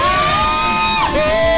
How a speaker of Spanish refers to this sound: Esa es mi socia. ¡Aplauso para la socia!